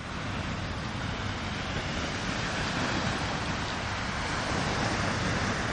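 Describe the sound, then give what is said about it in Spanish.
A steady, continuous wash of sea surf fills the whole stretch, a broad rushing roar that stays fairly even in loudness without distinct breaking crashes, with no voices over it. “Me temo que Madrid, como isla, como que no es, como que mar no tiene, así que la saludamos con un poquito de mar y vamos a ver si nos damos una vuelta por alguna isla real o imaginaria, a ver qué nos cuenta.”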